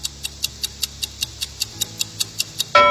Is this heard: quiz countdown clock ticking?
yes